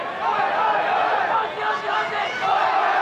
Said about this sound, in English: Just saw a little pocket of Bangladeshi fans who were making plenty of noise and cheering along up in the Morris Rioli stand. And the Aussie fans trying to counteract some of that.